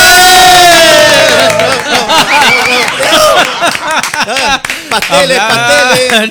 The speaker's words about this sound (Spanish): ¡Aplausos del público!